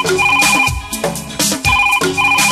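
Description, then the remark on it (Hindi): A phone rings with a bright, repeating electronic ringtone melody, cycling several times over a steady beat, loud with no voices, in a jingle for the request show Hello Farmaish on AIR Obra. “Hello, फिर क्या, phone उठाइए, वॉल्यूम बढ़ाइए, जो चाहे वो ट्रैक सुनाइए।”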